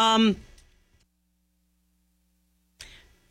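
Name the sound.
cough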